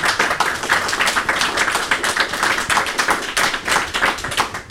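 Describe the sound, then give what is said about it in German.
An audience claps steadily for several seconds to welcome a guest to a conversation, a dense, sustained patter of many hands with no voices over it. “Und vielleicht gibt es einen kleinen Applaus von unserem Publikum auch.”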